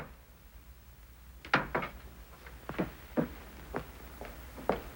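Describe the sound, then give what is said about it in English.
A cupboard door being shut with a harp put inside: after a second and a half of near silence, a string of sharp wooden knocks and clatters, about seven, irregularly spaced and moderately loud, with no voices. “All right, Blabbermouth, into the cupboard you go.”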